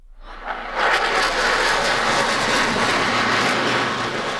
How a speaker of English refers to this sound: Canadian CF-18 Hornets and American F-35 Lightning IIs conduct a flypast to celebrate July 4th and Canada-U.S. ties.